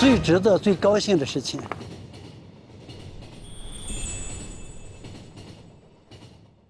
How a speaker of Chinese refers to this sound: 每一次看到列车平稳安全的通过，这就是对我最好的安慰，也是我最值得、最高兴的事情。